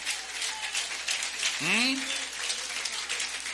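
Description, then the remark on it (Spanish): An audience claps steadily for the Lord, dense crackling applause lasting several seconds, with a single voice briefly calling out over it midway. “Para el Señor ese aplauso, déselo fuerte.”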